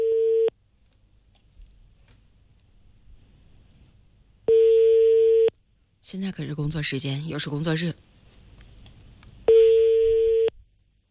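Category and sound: signal or alarm, phone call ringing tone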